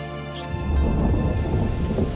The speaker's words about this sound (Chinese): 哇，下雨了，终于可以歇会儿了。